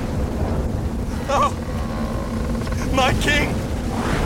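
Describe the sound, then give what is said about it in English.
A steady, heavy roar of storm wind and crashing sea waves around a boat fills the whole stretch, with a man's voice briefly speaking over the churning noise. “I know nothing about piloting a boat, let alone in a storm.”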